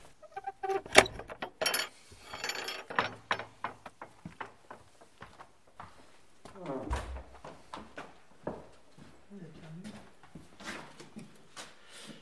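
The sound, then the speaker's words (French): A key rattles and turns in the door lock of a chapel, a series of sharp metallic clicks and scrapes lasting several seconds, with brief murmurs of voices in between. “Vous avez la clé, voilà. Non, d'habitude, ce n'est pas fermé.”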